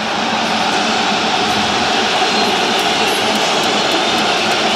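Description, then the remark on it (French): A dense, steady roar of a large football stadium crowd, loud and unbroken, with shrill whistling from Arsenal supporters and cheering mixed into the din throughout, as the Paris team arrives for the warm-up. “Et on entend quand même les sifflets des supporters d'Arsenal.”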